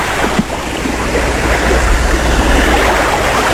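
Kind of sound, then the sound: nature, crashing ocean waves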